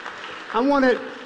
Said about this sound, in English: Come on, clap for the name of Jesus.